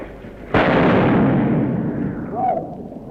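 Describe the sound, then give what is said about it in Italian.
A single sharp pistol shot cracks out, fired by a patriot positioned by a column, followed by a long rumbling echo that slowly fades, with a brief faint whine near the end. “Appostati presso la colonna si preparano a tirare, un altro arriva presso di noi correndo.”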